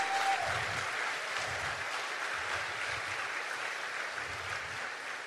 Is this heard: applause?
yes